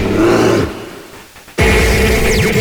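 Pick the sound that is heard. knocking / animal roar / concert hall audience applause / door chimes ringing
animal roar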